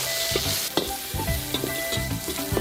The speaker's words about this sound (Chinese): 猪肉大火爆香